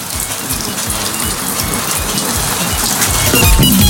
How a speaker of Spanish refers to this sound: Y acá me reportan, dice Rendich, está fuerte la llovizna. ¿Qué está cayendo? Agua de nuevo, no me digas nada.